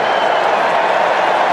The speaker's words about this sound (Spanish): Muy buen trabajo. Mohammadi que aplaude a su gente. Haji Safi que también.